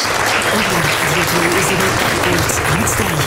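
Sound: thunderous applause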